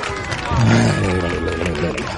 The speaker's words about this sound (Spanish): ¡Qué aplauso tan extraordinario merezco! Por favor, me los... a ver, dadme un aplauso. ¡Bravo! Querida audiencia de la cafetera.